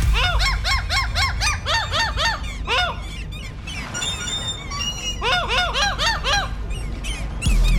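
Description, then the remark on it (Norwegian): Loud, rapid seagull squawks, pitch-shifted and chopped into a bouncy rhythmic melody that hides a pop song, repeat in quick runs over a low backing hum, with a short break midway before the pattern returns. “Ja, litt tricky kanskje, men vi har altså fått en måse til å lage lyder, og så er det rett og slett en poplåt som gjemmer seg bak disse lydene.”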